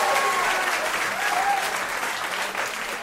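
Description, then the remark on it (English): An audience claps steadily in a dense, sustained wash of applause, with faint cheers and whoops rising over it throughout. “Give it up for Vaseline Man. Round of applause for Vaseline Man.”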